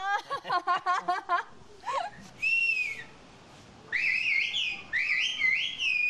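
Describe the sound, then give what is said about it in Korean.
Loud whistling in rapid, pitch-gliding phrases of a whistled language, with quick bursts at first and then longer sweeping tones rising and falling, like a whistled conversation between two people in short sentences, with no ordinary speech, in a farming and herding village on a mountain slope. “목소리처럼 휘파람 소리가 다 달라서 휘파람만 듣고도 누구인지 안답니다.”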